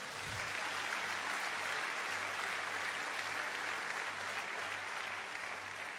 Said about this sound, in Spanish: ¿Cuánto dan un aplauso, Señor?